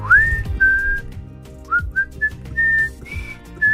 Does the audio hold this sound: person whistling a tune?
yes